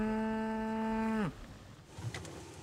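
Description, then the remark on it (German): A German Angus cow, a pure beef breed, gives one loud, sustained, steady moo that drops sharply in pitch at the end. Faint outdoor background noise follows. “Ihre Deutsch-Angus-Rinder sind eine reine Fleischrasse.”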